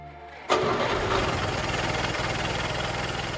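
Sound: car engine idling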